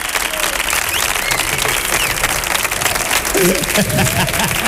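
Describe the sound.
A crowd applauds loudly and steadily, dense clapping filling the whole moment, with a few voices calling out beneath it toward the end.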